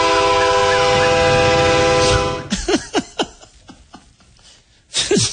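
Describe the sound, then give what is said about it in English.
A man blows a train whistle out his window: a loud, sustained blare for about two seconds, its steady tones stacked high and bright, then cuts off, followed by short bursts of talk and another brief blast at the end. “living next to a guy that blows a train whistle out his window because he thinks he needs 911”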